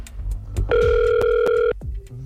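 A steady electronic telephone tone sounds for about a second, interrupted by a couple of sharp clicks, then a softer, lower tone follows, like a phone line being dialed and starting to ring.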